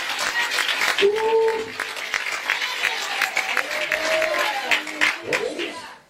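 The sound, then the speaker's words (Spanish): A church audience applauds the Lord steadily for several seconds, a dense wash of clapping with scattered voices calling out and cheering over it. “Él es el aplauso al Señor.”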